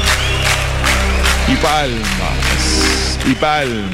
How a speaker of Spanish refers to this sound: Y palmas.